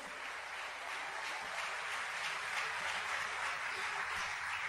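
A church audience applauds steadily for the Lord Jesus Christ during a service, a dense, continuous wash of many hands clapping at a fairly even level throughout, with no voices standing out.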